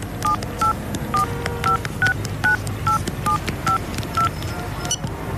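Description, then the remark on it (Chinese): A mobile phone number is keyed in to call the person holding a hostage: about eleven short, evenly spaced dialing beeps, clear, over a low background rumble. “是我，让人质接电话。”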